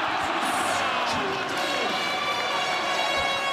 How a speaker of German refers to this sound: Ganz viel Jubel. Zu Recht. Immerhin hat die deutsche Fußballnationalmannschaft Curaçao mit einem 7:1 besiegt.